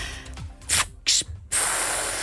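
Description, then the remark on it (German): A voice imitates a bus kneeling with hissing air: two short, sharp hiss bursts followed by a long, steady, loud hiss that runs to the end. “Ich würde auch noch mal so ein Geräusch machen, wenn sich der Bus abgesenkt hat.”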